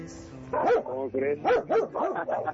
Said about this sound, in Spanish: así como tú tienes también perros, pues agresivos de este lado también hay